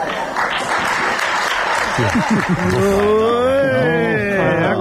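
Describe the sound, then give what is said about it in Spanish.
Scattered, lukewarm applause from Prime Minister Pedro Sánchez's deputies as he addresses them in the morning fills the first couple of seconds, then a man's voice starts speaking over the fading clapping. “Para aplauso desganado, el que se ha llevado esta mañana el presidente del gobierno, Pedro Sánchez, estaba hablando a sus diputados y no os digo más.”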